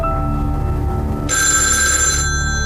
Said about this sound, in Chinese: 阿成先生，您的电话响。